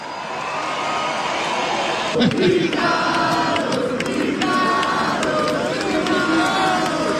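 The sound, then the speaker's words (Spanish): A crowd cheers and applauds steadily for several seconds as a guitarist and singer is introduced on stage, a dense roar of voices with whoops and scattered sharp claps rising slightly in the middle and holding loud to the end. “Aplausos a granelo.”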